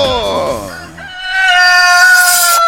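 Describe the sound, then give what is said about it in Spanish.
A rooster crows loudly, one long, drawn-out cock-a-doodle-doo that holds steady to the end, just after a brief burst of a person's voice. “¡Que se oiga el canto del gallo!”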